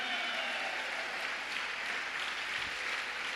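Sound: audience applauding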